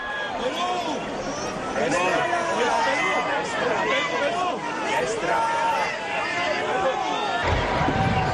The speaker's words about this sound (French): Mes chers amis de KTO, bienvenue sur la place Saint-Pierre de Rome. Avec le pape qui est acclamé par la foule des pèlerins, nous allons participer à l'audience générale de ce mercredi 17 juin 2026.